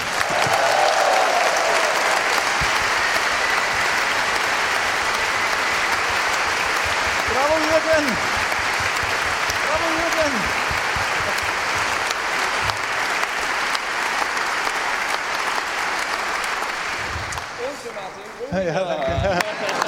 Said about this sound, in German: Und einen weiteren großen Applaus für unser jüngstes Mitglied